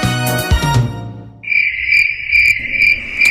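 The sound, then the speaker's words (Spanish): A steady, bright cricket chirp trills continuously, following a brief burst of musical sound at the start, with no voices present; the chirp is a radio station's time signal marking 17:45. “Las 17 horas con 45 minutos en el grillo de RCN”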